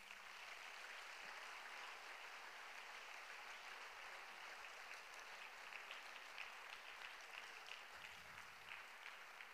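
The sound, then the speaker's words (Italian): Sustained audience applause in honour of Carlo Acutis at a church gathering, during which a choir enters, fills the whole stretch, a dense steady patter of many hands clapping at an even, fairly loud level without any voices rising above it. “All'applauso è entrato anche il coro, non so se era perché volevano l'applauso.”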